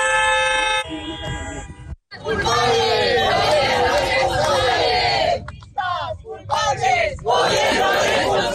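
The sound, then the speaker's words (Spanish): A crowd of protesters shouting and chanting together in loud, overlapping voices inside the venue during the inauguration of The District real estate event at IFEMA, Madrid, protesting against the president, with a brief horn-like tone at the start and a short pause before the shouting resumes. “Dentro del recinto, varias personas han protestado contra la presidenta”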